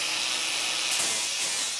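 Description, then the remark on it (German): An angle grinder straightens the claw of a cow's hoof during trimming, giving a steady, harsh, hissing grind that stays fairly loud throughout, with no voices over it. “Das ist eine Flex und damit kann man die Klaue etwas begradigen.”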